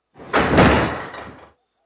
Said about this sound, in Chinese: 刚才那声音又出现了。哦，原来是有人小心翼翼地关上了这张银桌的盖子。